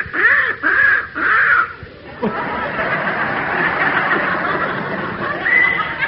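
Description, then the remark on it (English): A young crow with a hurt leg caws three times in quick succession, loud, followed by a long stretch of hoarse, raspy calling with a final sharper caw at the end. “Hey, it's a young crow”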